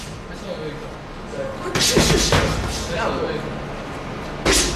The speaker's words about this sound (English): If you get lost looking for the Law Town Boxing Gym in Lawrence, just follow the thuds of fist making contact with punching bags and bodies. It's tucked in the basement of a building that was once a mill.